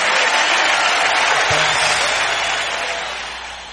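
An audience applauds in a loud, dense wash of clapping that holds steady, then gradually tapers off toward the end, with no voices standing out.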